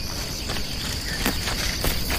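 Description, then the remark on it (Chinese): A stubborn donkey that insists on grazing in this area walks, its hooves clopping slowly and unevenly on the ground in a few spaced steps, while a steady high insect drone runs underneath. “我去哪儿得听这货的，这是头犟驴，非要在这片吃草。”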